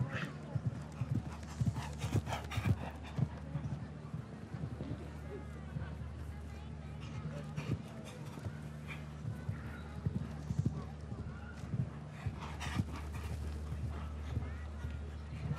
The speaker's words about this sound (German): Die Galoppade ist da. Der räumt hier die Meter unter sich weg, dieser Garmin von Chaco Chaco.